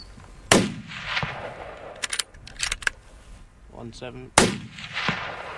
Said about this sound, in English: In the blink of an eye, 2 deer are down on the ground. The rest of them are spooked and disappear over the ridge. We climb up the steep slope towards the deer. Would the gunshot now spook that other herd?